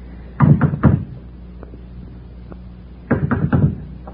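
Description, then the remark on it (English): Firm knocking on a house's front door from the porch at dusk: a quick set of three solid raps, a pause of a couple of seconds, then another set of three, fairly loud with no voices. “Go ahead, knock.”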